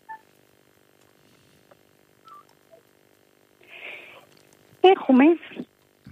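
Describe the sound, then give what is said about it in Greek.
A few short, quiet telephone keypad beeps spaced out over several seconds as a phone is being muted, followed by a soft rustling noise and a brief burst of someone's voice. “Συγγνώμη, ένα λεπτό να απομονώσω κάποιο τηλέφωνο.”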